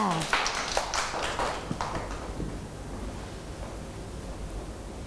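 A group of children clap their hands in a quick, uneven burst of sharp claps that fades out after a couple of seconds, leaving faint room noise.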